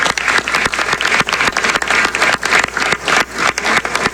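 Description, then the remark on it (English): A room full of people applauding steadily for a Canadian roofing company's leader and its 350 workers, dense overlapping claps forming a loud, continuous wash of sound with no voices standing out. “You are a true Canadian success story, and a big round of applause to you and the 350 workers.”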